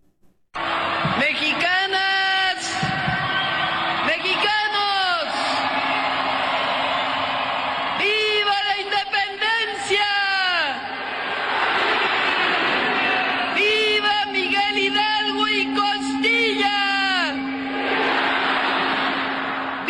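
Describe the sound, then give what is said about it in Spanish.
A crowd of more than 180,000 people in the Zócalo of Mexico City roars in repeated rising cheers and shouts for the traditional independence cry marking the 216th anniversary of Mexico's independence struggle. The sound swells in several big waves over a constant wash of massed voices, loud and reverberant. “al balcón central del Palacio Nacional con la bandera mexicana para dar el tradicional grito en conmemoración del 216 aniversario del inicio de la lucha por la independencia de México, ante más de 180,000 personas en un desbordado Zócalo capitalino.”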